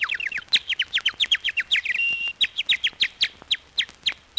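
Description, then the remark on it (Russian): A park keeper's whistle imitating nightingale song, used to call lovers out of the park: rapid, bright warbling chirps in quick repeated bursts, with a brief sustained high note midway, trilling steadily and fairly loud with no talking. “Отак я засвищу солов'єм, і всі влюблені ідуть на звук солов'їної пісні.”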